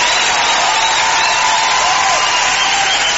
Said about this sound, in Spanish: aplauso